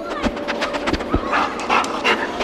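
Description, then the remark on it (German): A detection dog, the kind that finds people in avalanches or helps police search for traces, sniffs excitedly, rapid bursts of short breathy snuffles and panting in an uneven rhythm, fairly loud and alone with no talking. “Da schnüffelt jemand ganz aufgeregt.”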